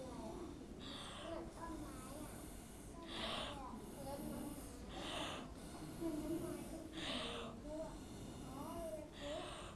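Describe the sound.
Paint being blown through a drinking straw by a teacher: about five breathy, hissing puffs spaced roughly two seconds apart, each a short airy rush of moderate loudness, with soft voices murmuring underneath.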